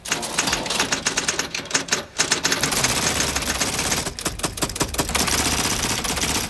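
A dense, continuous clatter of hundreds of typewriters, some very small and some very large with rollers, typing by themselves at once, keys striking in rapid overlapping bursts with no one speaking, the mechanical racket steady and loud throughout.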